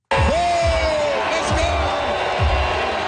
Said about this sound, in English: A mix of boos and cheers as Premier Doug Ford stepped on the stage. Dozens of people in purple t-shirts reading OPSU, the Ontario Public Service Employees Union, turned their backs and chanted. They yelled through his entire speech.